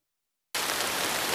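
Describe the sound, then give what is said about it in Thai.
Rain falling in a forest after several consecutive hot days starts abruptly after a brief silence, a dense, steady patter and hiss of drops that stays constant and fairly loud, with no voices. “พออากาศร้อนติดกันหลายวันฝนก็จะตก”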